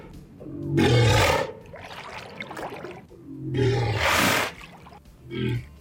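A walrus bellows: two long, loud, guttural roars with a rumbling low growl between them, then a shorter final call. No one speaks.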